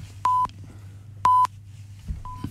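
A phone beeps twice in a steady rhythm, each tone about a quarter second long, followed by a fainter, shorter third beep over a low background hum.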